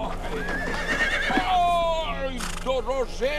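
A horse harnessed to a sleigh whinnies loudly, a long quavering neigh that rises and falls, followed by shorter snorting calls, with a faint low hum underneath.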